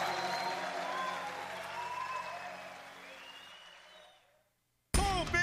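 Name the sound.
audience applauding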